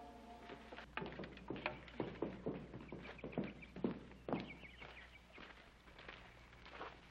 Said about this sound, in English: horse just came in.